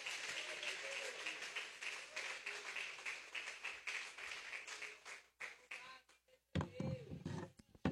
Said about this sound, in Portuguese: Recebe o homem de Deus com as palmas para Cristo, igreja.